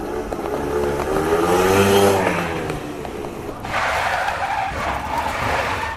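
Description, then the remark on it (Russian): A motorcycle comes around a bend in the road at high speed with rising engine tones, then a long, loud screech of skidding tires follows, harsh, with no voices. “Он был уже посреди дороги, как вдруг из-за поворота на большой скорости выехал мотоцикл.”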